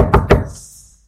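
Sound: knocking on a door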